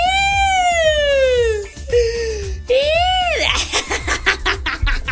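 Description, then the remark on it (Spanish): A voice imitates a police or ambulance siren, sliding down in a long harmonic sweep, pausing, then rising and falling again, before breaking into rapid choppy laughter-like bursts. “Ya me creo yo policía, ya me creo yo ambulancia.”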